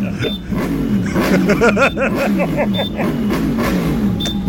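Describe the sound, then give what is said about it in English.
Steady, loud rumble of busy road traffic on the M4, engines droning continuously, with a person stuck in the traffic talking over the noise. “Okay, you sound like you are in traffic. I am stuck in traffic.”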